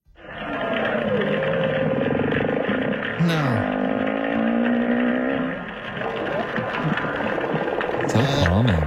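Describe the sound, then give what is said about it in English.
Whale song plays steadily throughout: long, harmonic moans and groans that bend and slide in pitch, with a sharp upward sweep midway. A voice briefly says one word. “Apparently that's a whale song.”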